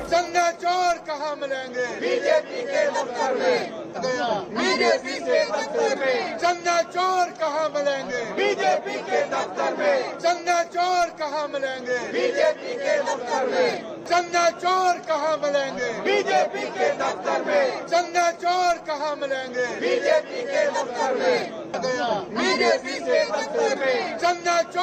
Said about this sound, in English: Massive sloganeering today inside Parliament and outside as well. Take a look at these images once again, the kind of slogans being shouted by the opposition.